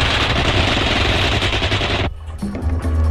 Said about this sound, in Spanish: los criminales los persiguen por los pasillos oscuros del edificio. Disparan contra ellos.